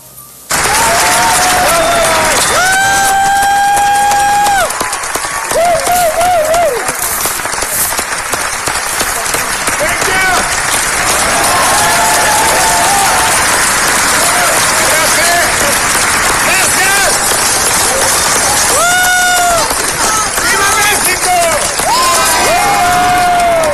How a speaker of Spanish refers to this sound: a 20 años de haberse estrenado en el Festival de Cannes, allá en Francia, la película El Laberinto del Fauno, ayer el director mexicano Guillermo del Toro fue ovacionado y aprovechó para gritar un Viva México.